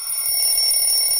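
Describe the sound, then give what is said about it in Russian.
A telephone bell rings in a steady, continuous electronic trill, fairly loud, filling the short moment with no voices over it. “Всегда хочется на это ответить.”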